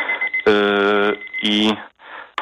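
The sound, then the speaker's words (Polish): A tea brewing timer goes off with loud, buzzy electronic beeps: one long tone, a pause, then a shorter one over a faint steady background hum. “Nie, to nie był budzik, to był czas zaparzania herbaty.”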